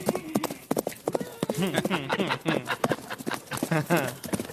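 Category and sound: animal, horses' hooves clip-clopping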